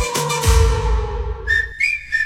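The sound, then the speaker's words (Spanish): A whistle blown in three short, shrill blasts at a steady high pitch, following a brief burst of busy, rumbling sound with humming tones. “¡Oye, y ese pito!”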